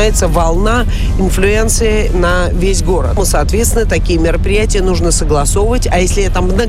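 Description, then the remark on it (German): Steady low rumble of a car driving along the outer ring road (MKD) of a city, constant throughout, with a person talking continuously over the road noise. “aber Sie können nicht einfach jetzt irgendwo hier auf dem äußeren Ring MKD, wo wir hier gerade fahren, ja eine Demonstration machen, den Verkehr stoppen, eine Straße zu sperren.”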